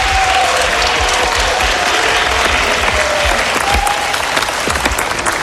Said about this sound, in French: Voici nos premiers concurrents, les applaudissements.